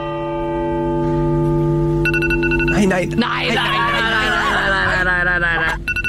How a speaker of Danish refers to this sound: Nej. Så sluk den dog. Det er jo en telefonalarm, der går i gang. Ja, det kan vi høre. Der er en eller anden, der skulle noget lige på det tidspunkt.